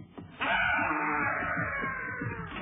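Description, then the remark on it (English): An eerie, ghostly wailing voice swells in abruptly after a brief murmur and holds a loud, wavering moan for about two seconds, its pitch trembling and sliding without a break. “I hear the ghost voice now.”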